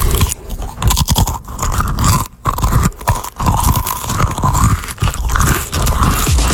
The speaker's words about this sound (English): my producer, munching some Cheez-Its.